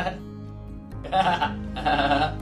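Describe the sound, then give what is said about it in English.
A person mimics the Goat character in a children's story about a mother hen and her chicks, with two nasal, quavering bleats in quick succession, fairly loud, following a brief low murmur. “Once upon a time, a mother hen and her chicks lived at the edge of a big field with their friends Duck, Quack Quack, Cat, Meow, and Goat.”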